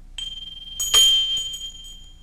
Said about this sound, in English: Number 1 was a small bell.